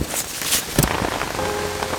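Steady rain patters densely on a hard surface, a continuous hiss of droplets with a few sharper splashes standing out. No voices are heard.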